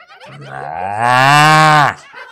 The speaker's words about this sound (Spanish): Bueno, pero antes la vaca se despidió de esta manera.